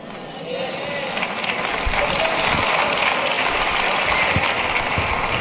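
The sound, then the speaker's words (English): A crowd applauds in a dense, continuous wash of overlapping claps, rising briefly at the start and then holding at a fairly even level, with scattered sharper hand claps standing out. “Do y'all see, can y'all tell how the claps are getting lower and lower and lower?”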